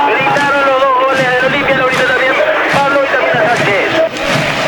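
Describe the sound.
Olimpia fans in the stadium roar in celebration of a goal in a football match, a loud, dense wall of many voices shouting and chanting together, sustained throughout with periodic surges of louder cheering.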